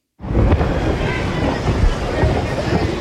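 Thunder rolls through a heavy rainstorm at the Cincinnati Open tennis tournament in Ohio on a Wednesday, with fans waiting for the gates to open: a sudden onset into a steady, loud wash of rain-like noise, with deep low rumbles swelling and fading underneath for about three seconds.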